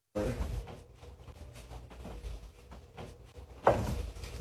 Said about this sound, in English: So every time you hear a knock, you see the mirror kind of bounce off the wall.